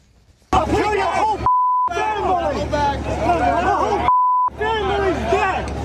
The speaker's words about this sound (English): I want to show a little bit of this protest and listen closely because a lot of beeping going on, but listen and watch.